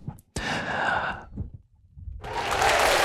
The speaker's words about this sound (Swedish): Och de applåderna var inte från kommunfullmäktige. Det kunde ha varit där, eller hur? Borde ha varit där. Vi applåderar inte så mycket till kommunfullmäktige.